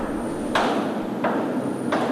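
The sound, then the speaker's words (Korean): Three heavy, evenly spaced thuds of military boots striking and kicking at an office door, each a sharp loud impact over a steady low hiss, with no voices. “사무실 문을 차는 군합 발소리.”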